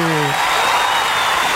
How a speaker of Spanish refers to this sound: Eso, el aplauso. Ahí está.